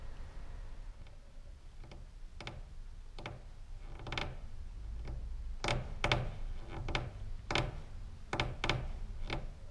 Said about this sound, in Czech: To chodí po půdě kocour Damíšek. Je to tlustý kocour. Když se prochází po půdě, prkna pod ním povrzávají.